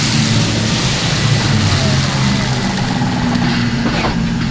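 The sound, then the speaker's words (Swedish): A heavy electric tractor unit of a haulage company rolls in slowly to charge, its steady low hum and faint whine continuous over a wash of outdoor noise, with no sharp revving or pauses. “Som dragbilen som här kommer in för laddning går hela den aktiva fordonsflottan nu på el.”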